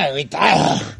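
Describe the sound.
A man says a few words, then his voice turns into a rough, growling dog-like snarl, a loud human imitation of a dog lasting under a second.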